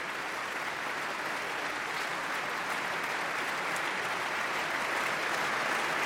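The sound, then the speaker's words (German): Sustained, steady applause from a large audience in the Berliner Philharmonie concert hall in Berlin for Víkingur Ólafsson and the Berliner Philharmoniker, a dense even wash of clapping that holds at full strength for the whole stretch without pause. “Und der Applaus ist groß, riesig.”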